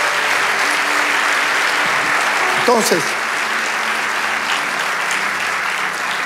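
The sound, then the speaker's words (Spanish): An audience applauds steadily for God during a sermon, a dense, even wash of clapping throughout, with a single voice briefly speaking over it near the middle. “Vamos, dale ese aplauso al Rey de Dios.”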